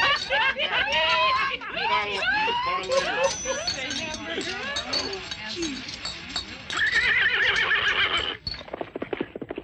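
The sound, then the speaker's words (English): A horse whinnies and neighs repeatedly, loud, over a steady clip-clop of hooves that carries on throughout before thinning out near the end. “Hey, Roy, someone just stole your horse.”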